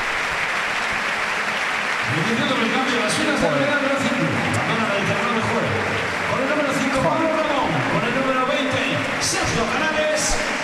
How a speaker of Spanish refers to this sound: Para dar entrada a Diego Díaz. Un gran aplauso para Sergio Canales. Así le despiden.